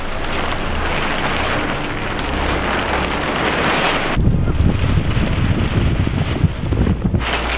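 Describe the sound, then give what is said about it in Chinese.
A strong gust of wind roars outdoors at an archaeological excavation site in March as the weather turns, buffeting the microphone with loud, continuous rumbling that swells and gets heavier halfway through, with rustling noise layered on top. No one speaks. “一阵大风吹过，天气说变就变。”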